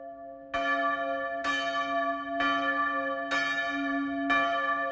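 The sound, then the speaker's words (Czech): A church bell strikes the fifth hour, five times at a slow, even pace, each loud clang ringing on with a rich, humming tone that carries into the next stroke. No voices are heard. “Hlučně bící pátá hodina mne vyrušila z dumání.”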